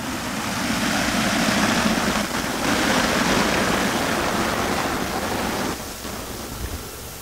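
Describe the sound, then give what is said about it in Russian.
Water pours and splashes continuously over a sculpture by Vadim Kosmachev, made of metal and water as a giant rotating sphere and a triangle; a dense, steady rushing with no voices. Near the end the roar eases slightly as the sculpture is walked around. “Она сделана из металла и из воды. Это гигантский шар вращающийся и треугольник.”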